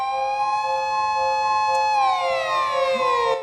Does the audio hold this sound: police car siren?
yes